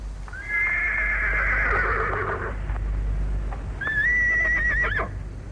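A horse being led out through the gate early in the morning neighs twice, each a high, wavering whinny that trails downward, with a few hollow hoof clip-clops between the calls over a steady low background rumble.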